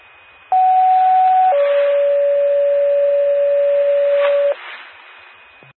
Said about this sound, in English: Gerard Fire Department, Gerard Fire Department, this is a test of the McCoupin County 911 paging system. Will a portable mobile please respond? Time is 1705.